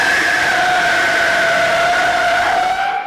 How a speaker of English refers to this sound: The sound of an automobile skidding sideways from one intersection to the next. And all he could hear out there is this sound.